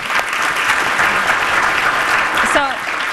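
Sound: audience applause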